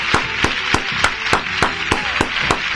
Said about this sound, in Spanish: Bueno, mi gente, de 10, Santiago y Copla, fuerte el aplauso para la ganadora.